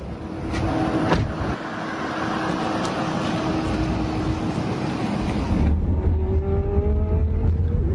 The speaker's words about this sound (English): So this is the world of autonomous driving, driverless cars. This is a Waymo. This is the vehicle I'm in. I'm going to arrive in 21 minutes. I'm taking a pretty long ride from the airport, from the Tampa airport to downtown Tampa,